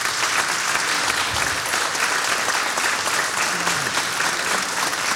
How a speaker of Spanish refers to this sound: Por eso podemos estar hoy celebrando el chamamé acá. Así que le vamos a dar un aplauso generoso y de gratitud.